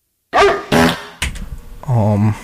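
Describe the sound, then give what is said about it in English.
Four loud dog barks come in quick succession, the third rougher and noisier and the last a drawn-out, tonal yelp, with no talking around them. “What y'all heard was probably a bark fart.”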